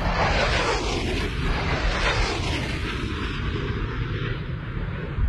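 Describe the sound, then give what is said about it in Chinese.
A loud, continuous roar of an aircraft engine, steady throughout with a dense rushing texture, as a prototype plane with a temporary tail fairing speeds up to Mach 0.8 during a test flight; no voices. “报告指挥部，飞机提速，马赫0.8，没有颤振。”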